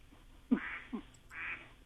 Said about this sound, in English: What is that? Are you babysitting a duck? It sounds like it. It's my cell phone. That's your ring on your cell phone is yeah. a duck?